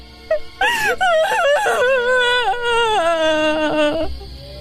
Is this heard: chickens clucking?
no